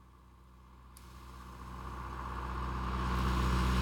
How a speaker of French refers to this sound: Tu crois que c'est lui? Non, c'est un tracteur.